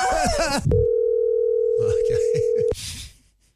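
A telephone line tone rings out on a call to a work colleague, as one steady, mid-pitched hum lasting about two seconds. Someone speaks just before it, a voice murmurs faintly underneath, and talk resumes after.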